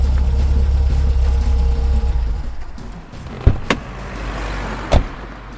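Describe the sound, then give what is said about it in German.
A car's low engine rumble drones steadily, then drops away to a quieter hum, followed by a few sharp clunks like a car door or handle. No one speaks. “hätte sie zu gern aus dem fahrenden Wagen geworfen.”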